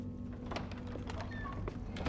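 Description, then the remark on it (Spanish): A boy pushes doors open and shut, giving a few soft knocks and clicks with a faint creak, over a steady low rumble, ending in a firmer thud, as he closes the doors to a corridor lit by the dim light of dawn. “Él cierra las puertas, avanza por el corredor iluminado por la tenue luz del amanecer.”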